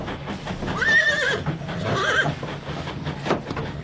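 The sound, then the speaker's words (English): A horse aboard a heritage train of the Pitchy Richie Railway in South Australia's Flinders Ranges whinnies twice in close succession, each call a wavering, high-pitched neigh, over a steady low rumbling background with a few faint knocks afterward. “They love it when they find out that they've got the horses on board.”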